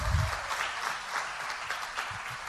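An audience claps steadily, a dense, continuous patter of many hands at an even loudness with no one speaking over it.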